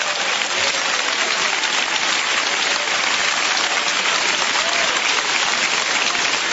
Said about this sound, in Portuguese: Podem bater palmas para Jesus. Amém.